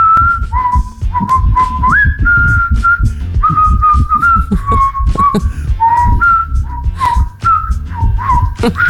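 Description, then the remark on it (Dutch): A radio listener whistles a well-known pop hit for a guess-the-song game, bright notes stepping up and down in a steady tune over a low, thumping rumble, with no talking. “Even luisteren naar haar fluitconcert.”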